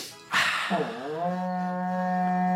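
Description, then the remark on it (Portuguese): A berrante cattle horn is blown in one long, loud blast that starts with a rough burst, bends upward in pitch, then settles into a steady, buzzing, low drone. “Toca o berrante para nós aí, irmão Zaqueu.”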